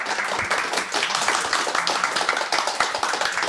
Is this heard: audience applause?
yes